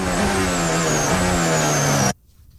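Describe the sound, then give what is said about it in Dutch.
A Formula 1 engine screams loudly in onboard audio from Lance Stroll's car for about two seconds, its pitch wavering slightly with a small gear-like shift midway, then it cuts off abruptly to near silence. “Onboordgeluid en de bijbehorende problemen voor Lance Stroll.”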